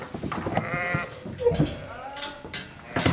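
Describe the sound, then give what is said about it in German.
Several pregnant sheep bleat in overlapping, wavering calls, some higher and some lower, with short pauses between them and a faint rustle underneath, after a 50-kilometre move from Palmzin to Fidschio, about to enter a new, freshly bedded barn. “Alle Schafe sind wohlauf.”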